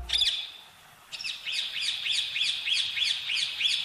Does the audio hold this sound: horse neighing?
no